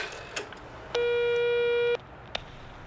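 A single steady electronic ringback tone lasting about a second, slightly thin and tinny as heard through a phone handset held so others can listen in, during a call to the taxi firm Taxiunternehmen Kleine, with faint background noise and a couple of soft clicks.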